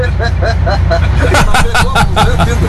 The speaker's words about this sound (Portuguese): Olha, passou um caminhão.